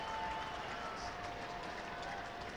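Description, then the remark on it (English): A baseball stadium crowd at a Twins game cheers to get behind the pitcher with two outs and an 0-2 count, in a steady, dense roar that holds at an even level throughout, with a thin sustained tone drifting faintly through the noise. “Crowd trying to get behind him.”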